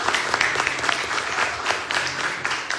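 Steady audience applause for contestants eliminated in a round of a competition, a dense crackle of many hands clapping at a moderate level with a few sharper claps standing out, continuing without talk throughout.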